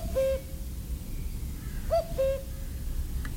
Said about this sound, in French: Le coucou est bien présent, le coucou d'Europe revenu de migration depuis pas mal de temps, depuis la fin mars pratiquement. Il est bien présent du côté de Ouyès.